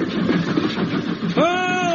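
A train rumbles steadily along the rails, a dense, continuous clatter, and midway a loud sustained whistle tone cuts in over the running noise until the end.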